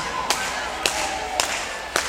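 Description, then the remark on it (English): Four sharp hand claps in a slow, steady rhythm, evenly spaced about half a second apart, each crisp and bright over a constant hissy background noise, clapping to get the next tune started on a radio show. “In order to get this next tune started, we need a little bit of hand clapping out there.”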